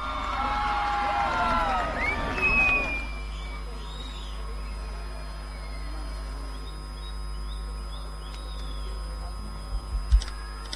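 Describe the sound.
A crowd cheers and applauds loudly for about three seconds for a guest being introduced, then the noise drops away to a low steady hum with faint scattered voices and a couple of soft knocks near the end.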